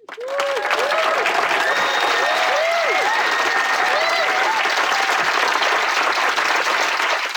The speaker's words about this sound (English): And a round of applause for poor Rob Johnston and all the things he has to do to make me sound competent.